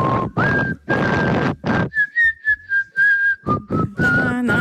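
A person whistles an upbeat disco melody up close, a run of short, bouncy notes in a steady dance rhythm, fairly loud and clear with some breathy noise between phrases.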